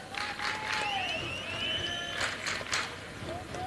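A baseball crowd at Hawkins Field applauds a player jogging off the field, a steady, broad wash of clapping and cheering with a few sharp whistles rising above the noise.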